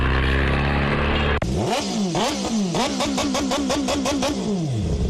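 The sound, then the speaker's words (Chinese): A steady engine idle gives way to a rapid string of loud revs from a vehicle whose exhaust pipe the owner modified himself with parts bought online, each blip rising and falling sharply in a rhythmic, aggressive burst, during a night police check on street racing in Shijiazhuang, China. “炸机，他是改的排气管，从哪儿？”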